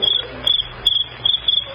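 A cricket in the country at night chirps by rubbing its hind legs together, in quick, steady bursts, a high shrill trill repeating about every third of a second, clear with no voices.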